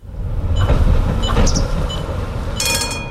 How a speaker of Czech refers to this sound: Do vlakové zastávky Dětěnice přijela modrá souprava. I když je na regionální železniční trati, na první pohled připomíná spíše tramvaj.